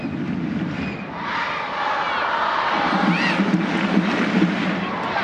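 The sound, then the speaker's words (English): A large stadium crowd in Utah roars steadily for the home side during a soccer match against Angel City: a dense, continuous wall of cheering and chanting that swells slightly midway, with a brief rising whistle cutting through. “Crowd in Utah urging on their side as Suarez rolls it back to the center circle for Sams.”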